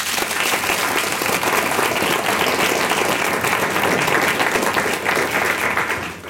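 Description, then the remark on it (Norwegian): An audience applauds a discussion panel, clapping steadily for several seconds. Dense overlapping hand claps form a loud, even wash of sound that fades slightly at the end. “Applaus for panelet.”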